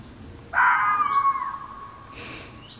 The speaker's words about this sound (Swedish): Men du, så räven har ju en ganska stor repertoar av ljud. Så jag tänker vi kan lyssna lite grann på hur det kan låta. Det här är en hona som skäller. Lite kusligt.